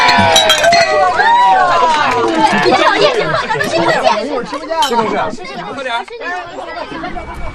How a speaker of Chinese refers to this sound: 说清楚了，现在开始就好好玩，干杯！ 干杯！